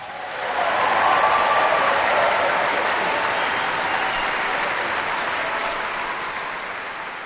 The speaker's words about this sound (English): And to help us with that, let's give a big welcome round of applause for the Mendelssohn Choir of Pittsburgh.